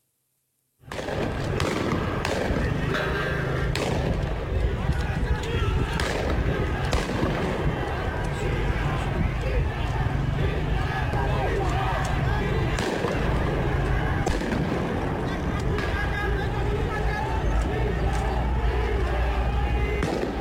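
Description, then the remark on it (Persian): Repeated sharp gunshots from security agents firing from atop the historic Haft Cheshmeh bridge beside Yahyavi Square in Ardabil crack out irregularly over a dense, continuous roar of a large crowd shouting outdoors. “تیراندازی ماموران رو نشون میده از بالای پل تاریخی در شهر اردبیل.”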